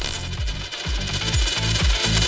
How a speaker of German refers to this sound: Ja, das ist die Münze, die runterfällt. Genau, das ist eine Münze.